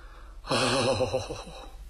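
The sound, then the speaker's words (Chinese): A voice imitates the heavy, labored panting of an elderly person inside a mountain cave, one drawn-out raspy breath with a wheezy, strained tone lasting over a second, fairly loud, with no words spoken. “203来到这山洞的跟前，往里听了听，里面呢有人喘息。”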